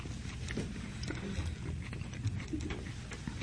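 Steady, moist chewing of a tuna melt sandwich on sourdough bread, with smoked tuna, collards, pickles and Swiss cheese, with irregular soft crunches and clicks, continuous for a few seconds over a low muffled rumble, with no talking.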